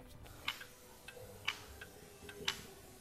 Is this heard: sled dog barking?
no